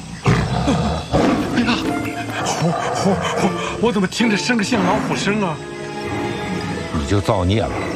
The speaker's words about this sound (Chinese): 哎呀，我怎么听着像个老虎声啊？你就造孽了，山神爷爷来收你了。